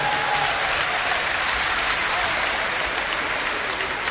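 A crowd applauds steadily, dense clapping at an even, loud level throughout, with no voices standing out above it.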